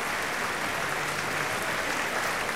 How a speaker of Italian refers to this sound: Applaudito virtualmente anche dai nostri ascoltatori